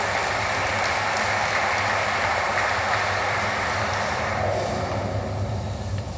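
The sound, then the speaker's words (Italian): An audience applauds steadily, a fourth round of applause as Riccardo Guariglia, secretary general of Italy's Ministry of Foreign Affairs and International Cooperation, is called on stage; a dense wash of many hands clapping at an even, fairly loud level, with a low hum beneath and no one speaking. “Vi chiedo un quarto applauso per il segretario generale del Ministero degli Affari Esteri e della Cooperazione Internazionale, il dottor Riccardo Guariglia, che chiamo sul palco.”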